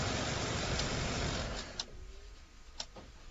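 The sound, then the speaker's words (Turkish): A green car with Texas license plates pulls up; its engine rumbles for a couple of seconds, then cuts off into quiet, followed by a few sharp clicks and a clunk like a door or handle. “Texas plakalı bıyık marka bir yeşil araba.”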